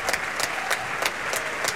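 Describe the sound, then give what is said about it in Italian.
Sustained opera audience applause and ovations at the end of Tancredi at the Teatro dell'Opera di Roma, with the orchestra applauding too: a dense wash of many hands clapping with steady, rhythmic peaks cutting through, like an enthusiastic ovation. “sipario chiuso, ma ovviamente loro il finale, giustamente i primi applausi sono rivolti a loro, più che applausi sono delle vere e proprie ovazioni per la loro prova vocale e attoriale, non da ultimo in questo finale.”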